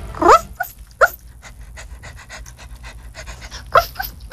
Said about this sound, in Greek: Λίγο γαβγάβ.